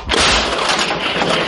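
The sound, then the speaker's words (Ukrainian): A single artillery gun fires, worked by gunners in combat near Dobropillia: a sudden heavy boom with a deep low thump, followed by a loud, rushing roar that lingers and rolls on without fading much. No voices. “Постріл!”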